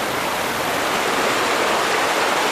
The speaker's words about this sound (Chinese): 山间流水就是村民们的日常生活水源。